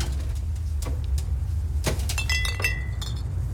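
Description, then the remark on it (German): Three glass soda pop bottles, including Orange Crush, clink together in a few bright, ringing knocks, with sustained high tones after the later strikes, over a steady low rumble of engine-like noise. No one speaks. “Hier sind eure 3 Flaschen.”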